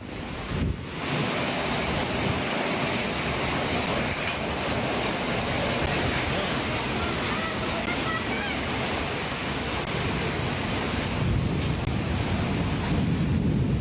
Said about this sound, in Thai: ชาวบ้านถ่ายคลิปแล้วก็มีเสียงชาวบ้านแบบโหน่ากลัวมากๆนะครับเพราะว่าฝนตกลงมาอย่างหนักลมก็แรงนะครับแล้วก็มีฟ้าแลบ